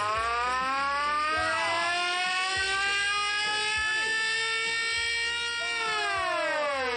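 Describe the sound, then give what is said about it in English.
A pedal-powered siren, driven by someone pedaling the wheel of a stationary bike, wails loudly and steadily throughout, its tone rising and holding with slight wavering pitch, continuous with a low rumble underneath. “And the lights went and the siren went off too.”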